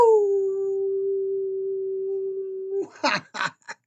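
A dog lets out one long, steady howl, held at an even pitch for almost three seconds, then breaks off into three quick, sharp yelps.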